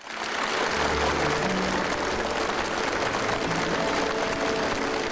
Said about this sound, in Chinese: 在热烈的掌声中，习近平发表题为携手构建公正合理的全球人工智能治理体系的主旨讲话。